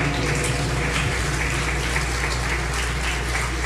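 An audience at a church service applauds steadily for a pastor invited to come forward, a dense, even wash of many hands clapping at once that holds at the same moderate loudness throughout, with a low hum underneath.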